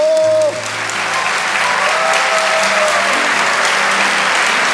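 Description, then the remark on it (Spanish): A large audience at a Christian worship service claps loudly and steadily for the Lord, a dense wash of applause, with faint sustained musical tones underneath and no clear speech. “Vamos, dale ese aplauso al Señor más fuerte.”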